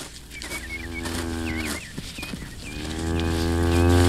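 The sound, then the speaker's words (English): A cow named Lady Queen, with her calf hidden in a briar patch, stamps around and lows in long, drawn-out moos, the deep droning voice swelling louder toward the end, while small birds chirp faintly above it. “Why does she keep stamping around in front of that briar patch? That's where she's got her calf hit, I expect.”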